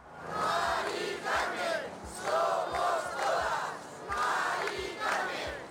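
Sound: protest crowd chanting slogans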